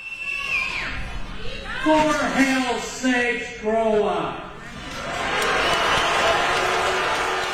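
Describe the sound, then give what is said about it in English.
A rowdy crowd of hundreds of people protesting a data center project in Utah shouts and jeers while county commissioners plead with them to settle down, with raised voices overlapping in a steady commotion that swells into a broad, noisy roar of clapping and yelling toward the end. “The county commissioners pleaded with the crowd to settle down.”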